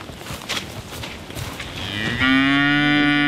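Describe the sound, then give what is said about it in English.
Rustling, scuffing noise gives way to a Hereford cow's single loud, low moo, a rich sustained call that holds steady pitch to the end. “And the Hereford's the last of the last stock that we'll be eating her next year.”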